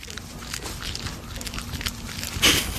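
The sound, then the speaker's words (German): Soft, wet smacking and clicking of a baby tree porcupine eating, heard through a microphone held to it, a run of faint irregular ticks over a low steady hum, with one louder crunchy smack near the end. “Ich halte mal das Mikro dran, mal hören, ob er schmatzt.”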